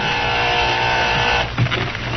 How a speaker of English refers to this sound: Meantime, Violet Hill was resting in her small one-room apartment when the door buzzer sounded.